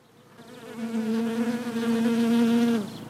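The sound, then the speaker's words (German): A steady, dense, fairly loud buzzing of honeybees inside an interactive beehive at a museum in Ulm, where the bees build wax honeycombs, holding an even droning pitch for about two and a half seconds before fading slightly at the end. “Im Bienenstock herrscht emsiges Treiben.”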